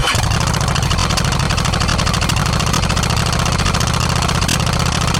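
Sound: motorcycle engine idling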